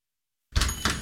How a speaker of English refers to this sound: Knock, knock, Capital One Bank guy.